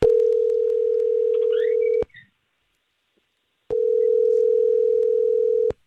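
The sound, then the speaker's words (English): A telephone ringing tone as the Star 101.3 radio morning show places a call: two long, steady, loud electronic tones, each about two seconds, separated by a short silence, with no voices. “let's just call her and try to figure out why she ghosted, okay?”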